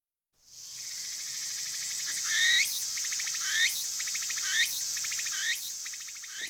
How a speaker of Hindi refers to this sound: अरे प्यारी सुहानी आवाज़ थी। वैसे खदीजा, बरेसगीर के झिंगरों की आवाज़ से कितनी मुख्तलिफ आवाज़ है।